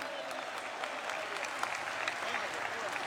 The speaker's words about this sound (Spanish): Dale un aplauso al Señor, amado hermano. A su nombre sea la gloria.